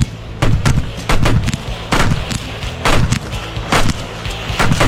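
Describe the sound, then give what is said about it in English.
A firework goes off in a rapid series of sharp, crackling bangs, about a dozen loud bursts popping irregularly over a low rumble, with no voices. “It is a firework, yes.”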